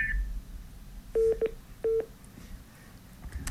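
Three short, loud telephone keypad tones beep in quick succession, each a steady dual-pitched chirp, over a low background hum with no one speaking.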